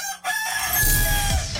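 A rooster crows once, loud and close, a bright harmonic cock-a-doodle-doo lasting over a second with a rumbling low background underneath and no one talking.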